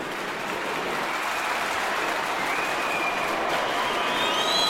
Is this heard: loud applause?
yes